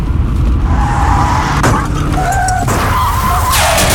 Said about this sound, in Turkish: Az önce biri telefonla konuştuğu için kaza yapan birine takip mesafesini korumadığı için çarptı.